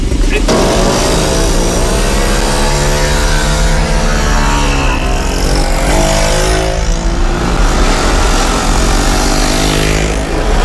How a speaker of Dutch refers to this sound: Dus de langzame brommers blijven mooi voorin rijden. We hebben geen haast en we willen graag een veilige rit met z'n allen doen. Dus ik zou zeggen, we gaan er direct voor.